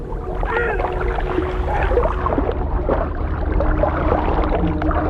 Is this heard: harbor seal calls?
yes